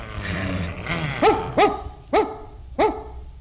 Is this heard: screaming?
no